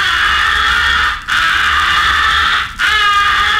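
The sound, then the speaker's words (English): A sustained, raspy, wavering crow call, muffled with both hands cupped like a megaphone around the call and one hand fanning over the end of the barrel to make it teasing and hard to locate, repeated in three long drawn-out bursts separated by brief gaps. No talking. “Make the sound of your call teasing and hard to locate by placing both hands like a megaphone around the call and using one hand in a fanning action over the end of the barrel.”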